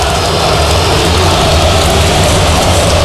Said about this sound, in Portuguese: olha aí, terminou. Vaias do torcedor colorado.